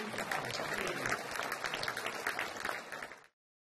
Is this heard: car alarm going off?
no